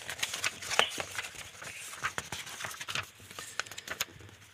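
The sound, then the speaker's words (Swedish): Pages of a binder being leafed through in quick, irregular rustles and soft flicks, fairly quiet, with no one talking over them, as someone looks for issue number 14. “Jag ska bläddra fram den åt dig.”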